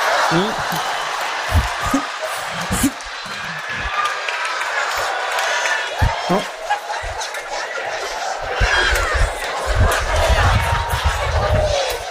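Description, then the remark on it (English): A large audience roars with cheering, laughter and scattered clapping, a dense, continuous wash of crowd noise with sharp thumps and bursts of excitement throughout. “Don't clap. Keep your hands to your side.”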